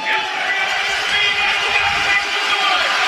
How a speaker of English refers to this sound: And the crowd comes alive here in Edmonton.